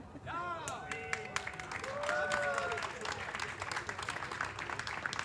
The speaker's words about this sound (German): So, und ich hätte ja jetzt eigentlich einen Applaus erwartet.